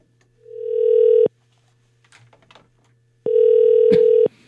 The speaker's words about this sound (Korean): 자, 신호 가고 있습니다. 세탁소 사장님이시라고 하시는데, 자, 신호 가고 있어요.